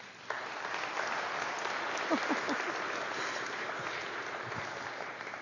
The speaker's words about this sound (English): the newest member of the family of God with our applause.